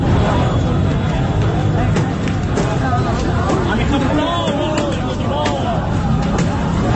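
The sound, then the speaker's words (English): A loud, dense street commotion in Beirut at night as Hezbollah supporters on motorcycles take to the streets: many voices shouting and chattering over a steady roar of vehicle engines, with rising and falling motorcycle revs cutting through the din throughout. “And what you're listening to there are people on motorcycles attacking one another.”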